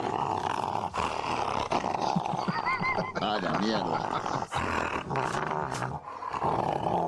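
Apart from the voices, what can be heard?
dog growling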